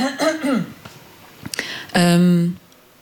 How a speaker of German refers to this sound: Sorry, ich muss mich nochmal räuspern.